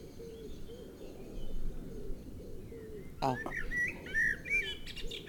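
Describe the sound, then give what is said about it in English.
A blackbird in a tree bursts into song partway through, fluting, warbling phrases rising over a steady low outdoor rumble, clear after a quieter opening of background noise. “Before then, do you think we could try to interview one of the Blackbirds?”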